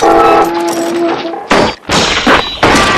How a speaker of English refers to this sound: The arm comes crashing down against the side of the boat.